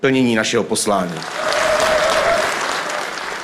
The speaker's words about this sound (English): After Zaboral, Czech President Petr Pavel took the stage to loud applause and chants of support.